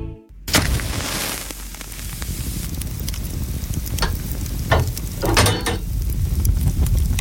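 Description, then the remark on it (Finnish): A wood fire crackles inside a sauna stove as it heats up, a steady low roar and hiss broken by scattered sharp pops and snaps, with no voices. “Sieltä se lämpiää. Lempeä löylyinen saunan kiuas.”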